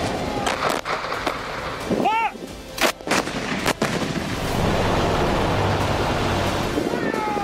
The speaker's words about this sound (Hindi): एक साथ गरजती M777 ultra light howitzer तोपें, Pinaka multi barrel rocket launcher से धुआंधार फायरिंग और आसमान में गरजता सेना का अटैक हेलीकॉप्टर।